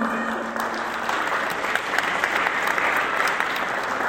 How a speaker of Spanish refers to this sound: Les daremos un fuerte aplauso a ellas, ¿no?, que hacen sus tejidos.